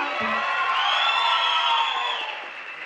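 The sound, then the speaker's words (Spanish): An audience claps and cheers loudly and steadily for a band, with whoops and shouts rising above dense applause before it tapers off slightly at the end. “Un aplauso más para ….”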